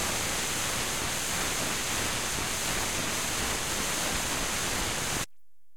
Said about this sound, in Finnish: Tuolta kuulostaa, kun neula menee ohi lautasesta.